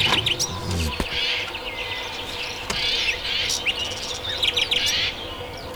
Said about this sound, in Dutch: Tropische vogels. Nee, eigenlijk Duitse vogels. Dat was ….